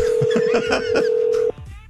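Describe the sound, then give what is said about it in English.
A steady, buzzing telephone tone from an outgoing call holds for about a second and a half, then cuts off abruptly, with muffled voices faintly mixed in underneath. “Sir, we know you're listening, so please just answer your phone.”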